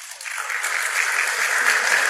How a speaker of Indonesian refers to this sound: Beri tepuk tangan sama Tuhan.